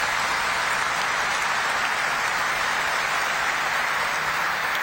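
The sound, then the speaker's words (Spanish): An audience in a basilica warmly applauds visiting guest priests, a dense, even wash of many hands clapping that holds steady and fairly loud for about five seconds, with no voices heard. “Le recibimos con un caluroso aplauso a nuestros invitados.”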